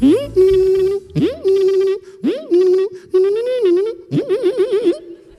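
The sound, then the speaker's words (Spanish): A voice imitates slot machines as a comic sports sound effect, with five loud, sustained tonal bursts, each swooping up then holding steady; the last one wobbles in a quick warbling vibrato. “El famoso deporte de las máquinas tragaperras.”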